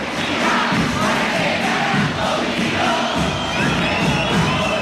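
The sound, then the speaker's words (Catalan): A loud, dense crowd of football fans at the Hotel Hyatt in l'Hospitalet roars and chants continuously before the World Cup final, many voices blending into a steady wall of cheering with rising and falling swells. “ja sentiu, sento, ambient espectacular per viure aquesta final de luxe aquí a l'Hotel Hyatt de l'Hospitalet.”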